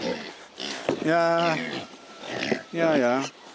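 Swabian-Hall pigs grunting at feeding time, with two drawn-out, throaty calls separated by snuffling and shuffling noises, fairly loud.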